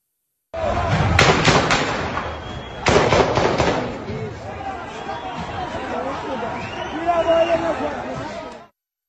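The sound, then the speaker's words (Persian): Two loud, sharp gunshots ring out about a second and a half apart amid a crowd, fired by forces stationed in a police station building and snipers toward the crowd and people fleeing, followed by anxious chatter and raised voices that continue in the background. “در ویدیویی که از لحظات تیراندازی منتشر شده”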